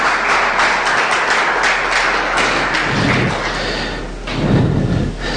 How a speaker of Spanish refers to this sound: ¿Cuántos dicen amén? Dale un fuerte aplauso, hermano, hermana.